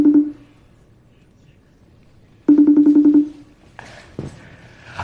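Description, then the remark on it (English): A phone line rings out in two short buzzing bursts separated by a pause as a call is placed to a woman, then the call connects and a voice briefly answers on the line. “Okay, so we're going to get her on the phone.”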